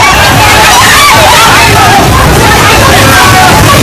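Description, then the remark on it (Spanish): Panicked crowd voices cry out over a loud, rushing torrent of floodwater, earth and mud near the Himalaya that sweeps away houses, cars and trees, a dense continuous roar of churning water and overlapping shouts without any pause. “Es el sonido del terror de la gente ante el torrente que ha arrasado en muy poco tiempo viviendas, coches, árboles y que ha dañado infraestructuras de todo tipo, carreteras, puentes, centrales hidroeléctricas,”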